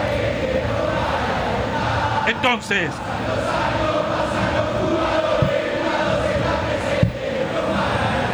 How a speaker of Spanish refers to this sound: El público que alienta. El público que grita. Escúchenlo, escuchen al público.